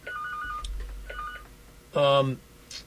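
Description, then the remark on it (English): A telephone rings with two short electronic tone bursts, then a louder, buzzier blast of sound. It comes through moderately clear against a low hum. “There was a phone ringing here, but I don't know what phone it was, because it wasn't the interconnection of you.”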